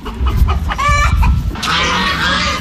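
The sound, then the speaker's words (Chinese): Chickens cluck busily together with loud, honking goose calls, overlapping in a lively chorus with no pauses between the calls, at Ruxin Farm of the Miyuan smallholder cooperative in Miyun District. “走进密云区密园小农合作社的如新农场，鸡鸣鹅叫声此起彼伏”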